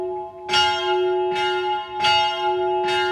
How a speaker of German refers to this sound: Es ist morgen am Viertel ab 9 Uhr. Wie immer um diese Zeit läuten die Glocken vom alten Kloster, aber nicht automatisch.